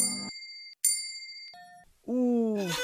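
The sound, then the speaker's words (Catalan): A small bell rings twice, bright and clear with a lingering shimmer, followed by a softer lower tone and then a different, wavering squeaky sound that takes over at the end. “Heu sentit ning-nang, que és una campana, i ara sentireu ning-ning, que és una campaneta.”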